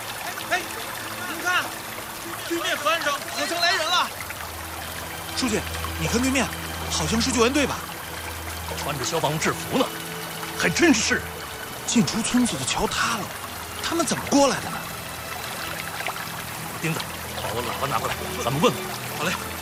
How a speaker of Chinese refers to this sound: 我没事，就是水比想象的深，水流也很急，咱们肯定不能划皮划艇过去了。